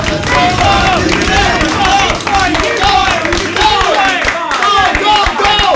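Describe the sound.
About ten research assistants in a lab shout and cheer encouragingly at a person running on a treadmill, voices overlapping loudly and continuously with some clapping.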